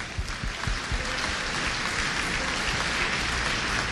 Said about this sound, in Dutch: Amen. Geef de Heer een daverend applaus.